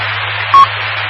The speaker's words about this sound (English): And there's my timer, so it's just time to let it go.